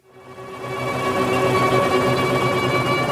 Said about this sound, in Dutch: Oké, ik hoor de helikopters, ik hoor de strijkers, maar dus die muzikanten zitten in een helikopter.